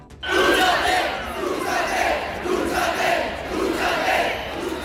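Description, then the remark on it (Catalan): A group of mostly young people in Sol chants the nationalist slogan "Jo soc espanyol" (I am Spanish) in unison on 12 October amid a heavy police presence. Loud shouted phrases repeat in a steady rhythm about once a second over a continuous roar of voices. “Este grup ha començat a entonar crits de Jo soc espanyol, també han increpat a les persones acampades, ja ho saben, per una vivenda digna.”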